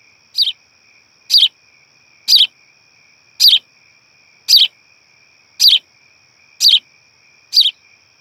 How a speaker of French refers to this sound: Quand tout d'un coup, elles entendent un cri d'oiseau.